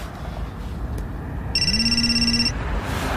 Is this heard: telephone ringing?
yes